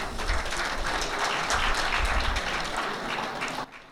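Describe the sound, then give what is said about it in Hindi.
Loud, sustained applause from a large audience at an Akashvani (All India Radio) Raipur cluster music evening, honouring guest artists Padma Shri Madan Chauhan and Smt. Swati Shiwale; a dense wash of many hands clapping at once, holding steady for several seconds before cutting off abruptly near the end. “आज रात जब हम अपने माननीय अतिथि कलाकार पद्मश्री मदन चौहान और श्रीमती स्वाति शिवाले का स्वागत करते हैं, आइए हम उन्हें इस गौरवशाली परंपरा को आगे बढ़ाने के लिए जोरदार तालियों से सम्मानित करें।”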